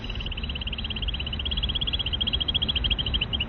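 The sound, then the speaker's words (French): A female bird's rapid, high-pitched trill runs continuously as a steady string of quick repeated notes over a low rumbling background. “Alors là, je vous montre d'abord juste théoriquement à quoi ça ressemble les petites trilles que les femelles peuvent faire justement lorsqu'elles entendent des postures.”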